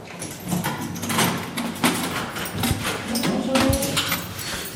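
A heavy metal prison door, the small entrance door a detention officer opens every morning at dawn, is opened with a series of loud clanks, rattles and a grinding slide lasting several seconds. No one speaks.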